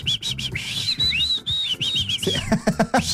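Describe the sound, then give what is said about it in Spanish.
A person whistles with the mouth, a bright, wavering tune of short rising and falling notes running nearly three seconds, fairly loud, with some low rumble and knocking underneath near the end. “¿Usted sabe chiflar?”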